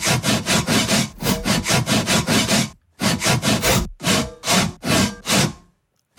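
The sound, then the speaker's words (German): A hand saw cuts through wood in steady, rhythmic back-and-forth strokes, loud, with two brief pauses before the sawing stops near the end. No one speaks. “wir haben schon gehört, bis jetzt der Sägesong ist bis jetzt ein ganz harter Brocken.”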